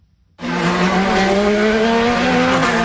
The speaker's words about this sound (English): Cars are roaring through streets more accustomed to presidential motorcades. Drivers are navigating laps totaling 250 miles to mark 250 years of American independence, with their cars nudging speeds of almost 200 miles an hour.